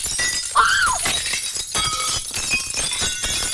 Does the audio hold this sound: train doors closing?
no